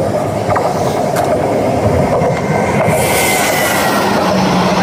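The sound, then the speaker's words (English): A train sound effect: a train rumbles steadily past, a dense, loud rolling roar with faint clickety-clack of wheels and a metallic hiss rising toward the end. No one speaks. “I mean, it sounds like maybe a Western sounds like needles train.”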